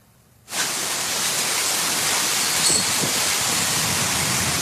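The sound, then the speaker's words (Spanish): After a brief moment of quiet, a powerful monsoon rainstorm in Tucson, Arizona, bursts in as a dense, steady hissing roar of pouring rain that holds at a constant loud level with no voices. “Esta tormenta potente fue en Tucson, en Arizona, y causó varios daños.”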